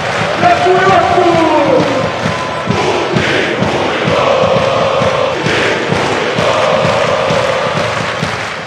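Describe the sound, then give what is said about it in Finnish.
A dense crowd of Pohjoiskaarre fans of Finland's national football team chants "Putin huilo" loudly in unison during a match at the Olympic Stadium, many voices blending into a steady roar that holds for the whole stretch, with scattered thuds and a brief rising tonal cry near the start. “Fanit huusivat kovaan ääneen liki koko ottelun huutoa Putin huilo, joka tarkoittaa vapaasti suomennettuna Putin on mulkku.”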